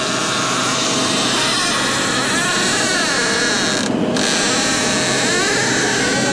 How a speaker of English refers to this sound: So you guys ready to hear this? Yeah. Can we listen to this squeaky door that Juan sent us?